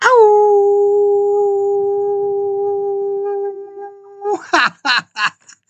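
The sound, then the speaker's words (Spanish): A person imitates a long, loud, sustained howl lasting about four seconds, steady in pitch, then breaks into a few short, choppy yelping bursts at the end. “para mi querida directora Fanny Mendieta, va este agradecido, energético y vigoroso aullido”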